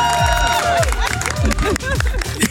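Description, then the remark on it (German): A small crowd at a garden barbecue party breaks into applause and cheering for the grill master, clapping mixed with excited shouts and chatter, lively, with a few heavy thumps underneath throughout. “Da dürfen wir einmal hier großen Applaus.”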